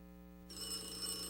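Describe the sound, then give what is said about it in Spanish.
A telephone bell starts ringing partway through a children's song about the telephone, a bright, rattling trill that carries on to the end, fairly quiet, over a steady low hum and with no one talking. “conteste ese teléfono.”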